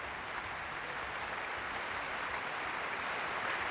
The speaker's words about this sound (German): Und Sie hören es selbst, großer Jubel in der Elbphilharmonie.